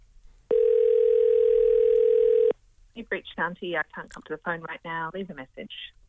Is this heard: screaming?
no